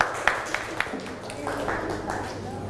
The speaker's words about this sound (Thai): ปรบมือให้กลุ่มสองด้วยค่ะเก่งมาก